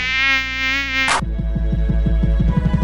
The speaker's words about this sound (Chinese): 哪有人像你省水省到不洗头，难怪招来那么多苍蝇。